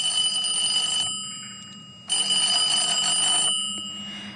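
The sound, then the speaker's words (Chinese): A telephone rings twice in a living room, each bright, trilling ring lasting about a second with a short pause between them. It is loud, with no voices. “此时在米莉的客厅里，米莉又接到了彪哥的电话。”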